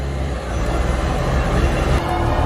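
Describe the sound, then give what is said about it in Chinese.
A military vehicle's tires spin in place while driving through water on a sloping bottom during a water driving exercise, with a loud, steady mechanical roar and deep low rumble, continuous, with no voices. “我轮胎现在是空转”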